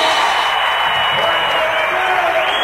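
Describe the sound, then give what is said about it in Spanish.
An audience applauds as the creator of a song is invited up, in a steady, dense wash of clapping that holds at an even, loud level throughout, with faint crowd noise mixed in. “¡Un aplauso grande!”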